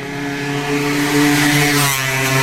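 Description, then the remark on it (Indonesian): A loud motorcycle speeds past, its engine roaring steadily, its droning pitch wavering slightly as it swells and passes by, with no voices present. “Kalau saya nggak spontan ngedorong, Ibu bisa keserempet motor yang laju tadi loh, Bu.”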